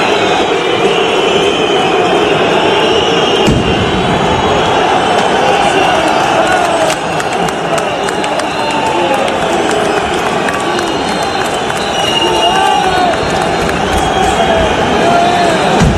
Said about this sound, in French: On entend des pétards, des cris, c'est devenu une habitude quand une équipe est reléguée.